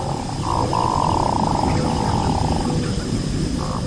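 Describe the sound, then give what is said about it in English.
A male hooded merganser courting a female gives its courtship call: a low, rolling, frog-like purr drawn out for a couple of seconds, with shorter bursts before and after, over a steady low rumble. “With a voice that sounds more like a frog than a bird, a male hooded merganser is courting a female.”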